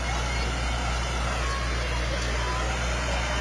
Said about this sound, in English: Farm All Tractor sporting an American flag on the back. We got a Super MTA 1966 diesel as well coming up. More Farm All tractors.